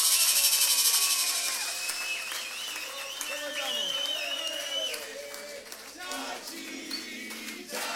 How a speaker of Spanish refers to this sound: Los aplausos ahí es fuerte para los pibes, ¿eh?